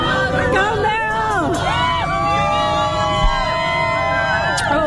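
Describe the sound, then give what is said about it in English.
A protest crowd of many voices screams and shouts at once as one of the protesters is arrested, overlapping wails and yells rising and falling in pitch over a steady roar of babble, loud throughout. “The screaming at the end is because one of the people's getting arrested.”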